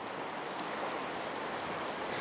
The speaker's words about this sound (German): Der Sturm drückt die Wassermassen weiter in die Flensburger Förde. Am Nachmittag steigt das Wasser immer weiter.